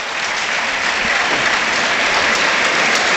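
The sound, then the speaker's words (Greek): Panathinaikos fans in a stadium applaud an injured player, a dense, loud wash of clapping that holds at an even level for a few seconds with no pauses or voices standing out. “Και πάλι ο κόσμος του Παναθηναϊκού το χειροκροτεί.”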